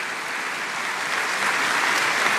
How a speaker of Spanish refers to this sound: Dale un aplauso a Dios. Alabado sea su nombre, fuerte ese aplauso a Él.